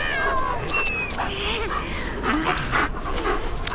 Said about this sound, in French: Le chien n'est qu'à quelques mètres. Il se jette sur elle.